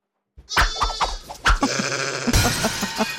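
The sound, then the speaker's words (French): A sheep bleats loudly, a long quavering call that wavers and pulses, shifting into a second shaky bleat near the end, with no one talking. “C'est un mouton.”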